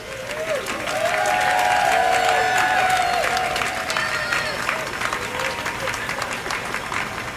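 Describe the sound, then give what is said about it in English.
In Portland on a brilliantly sunny morning, a crowd of a few hundred people from surrounding offices applauds steadily outdoors as an elk statue comes to rest on its platform. A dense wash of clapping mixes with scattered whoops and overlapping voices, fairly loud and sustained throughout. “By the time the elk successfully comes to rest on the platform, the crowd has grown to a few hundred people.”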